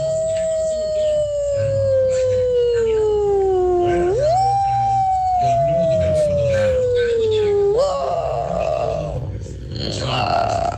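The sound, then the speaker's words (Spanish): A human voice imitates a she-wolf howling at midnight on a night with an electrical storm, performed as a hidden talent for Tropicana: long, sustained tonal howls that slowly sag in pitch, then lurch upward into another drawn-out howl, ending in a rougher, strained wail. “Mi talento oculto es hacer como la loba a medianoche, una noche de tormenta eléctrica.”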